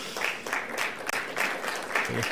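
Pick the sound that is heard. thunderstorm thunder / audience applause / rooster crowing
audience applause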